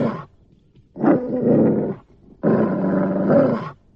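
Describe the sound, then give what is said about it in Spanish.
A dangerous dog growls and snarls aggressively at a person as if about to leap on them, in two long, loud, rumbling bursts separated by a short pause, with no talking. “Este maldito perro va a saltar sobre mí.”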